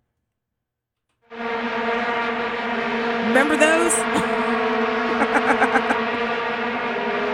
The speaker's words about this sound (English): If you're like, well, what does it sound like? This is what it was like when they played the vuvuzelas in 2010.